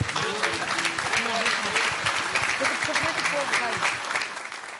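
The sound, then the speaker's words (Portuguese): At a church service, a crowd claps steadily and continuously to welcome the sisters with applause for Jesus, a dense wash of applause throughout, with voices talking and calling out underneath before it tapers slightly at the end. “Vamos receber as irmãs com palmas para Jesus.”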